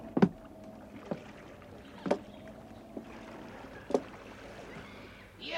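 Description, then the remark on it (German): Oars dip and pull through water as men row boats to the shore of an island, in a steady, unhurried rhythm, each stroke a soft splash and knock about a second apart, over a low wash of lapping water and faint breeze. “Mir fiel auf, dass Silver sein Boot zu einer entfernteren Uferstelle lenkte.”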